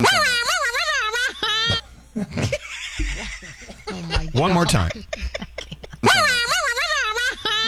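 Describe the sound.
A voice imitates an air horn in two loud, blaring bursts with a wobbling, buzzy pitch, one at the start and one at the end, with brief talking in between.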